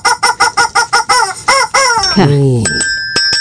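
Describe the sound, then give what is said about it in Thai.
A chicken gives a quick, evenly spaced run of about eight loud clucks, then a longer squawk that drops in pitch, followed briefly by a steady ringing tone. “เมื่อกี้เจ้ากบร้องไปแล้วเจ้าไก่ก็ร้องบ้าง”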